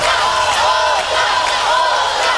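A large concert crowd chants "otra" over and over, calling for another song from the singer: a loud, dense roar of many voices with a steady, rhythmic push that never lets up.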